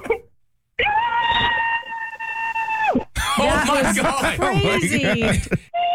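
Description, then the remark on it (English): A loud, sustained scream muffled into a pillow over a phone line holds one steady high pitch for about two seconds, then breaks into a burst of wild, warbling laughter. “Can you scream into your pillow?”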